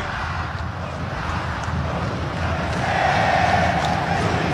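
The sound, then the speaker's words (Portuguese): A huge stadium crowd of Atlético Mineiro (Galo) supporters sings the club anthem during a football match, a dense, continuous roar of voices that swells slightly louder toward the end, with the chant carrying a steady, sustained tone. “Com toda a raça pra vencer, é Clube Atlético Mineiro, Galo forte e vingador, tá cantando a torcida, tá vibrando, tá feliz, tá confiante.”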